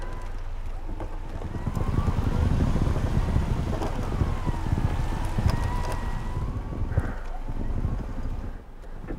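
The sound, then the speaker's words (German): A car's electric winch, operated by remote control, runs steadily for several seconds, its motor whining in a wavering pitch over a heavy low rumble, outdoors with some wind buffeting and no talking. “Die Seilwinde an seinem Auto bedient er mit einer Fernbedienung.”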